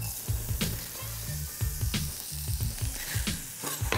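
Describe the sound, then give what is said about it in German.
Two shallots sizzle steadily in a little butter, a continuous crackling hiss broken by a few sharper scraping stirs and low clunks of a utensil against the pan. No one speaks. “So, wir haben jetzt hier unsere Schalotten in ein bisschen Butter angeschwitzt.”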